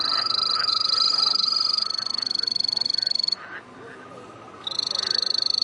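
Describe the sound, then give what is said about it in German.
A three-striped poison dart frog from Ecuador trills on the third floor of the Berlin Zoo Aquarium, a rapid, high-pitched trill pulsing continuously, pausing briefly for about a second before resuming, loud over a soft background hiss. “Während die Laute verschiedener Kröten und Frösche aus der kleinen Hörstation kommen, beginnt der Drei-Streifen-Baumsteiger zu trillern.”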